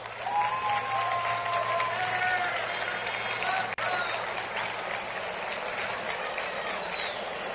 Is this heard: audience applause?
yes